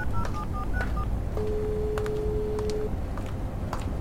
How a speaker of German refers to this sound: Erin zog ihr Handy hervor und wählte die Nummer ihres Vaters.